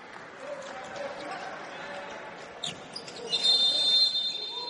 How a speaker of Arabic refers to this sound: هناك صافرة، ماذا يحدث؟